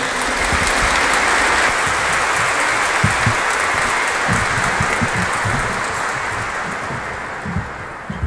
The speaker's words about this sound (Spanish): presentaremos también al Ministerio Gesed Elohim, quienes ya por más de 30 años están sirviendo a la Iglesia como una familia. Recibámoslos con un fuerte aplauso.